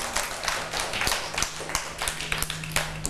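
A group of children claps unevenly, a quick scatter of sharp overlapping hand claps that keeps up steadily for a few seconds with no talking.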